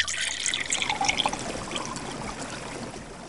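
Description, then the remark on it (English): Spring water trickles and bubbles steadily up from the ground, a continuous gurgling flow with bright splashy detail, heard on its own without any voices. “Beautiful, clear, shining, pure water of fountain sprang up from the earth.”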